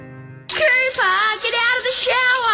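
Shower water runs in a loud, steady hiss that starts abruptly after a brief tone, with a close voice vocalizing wordlessly over the spray.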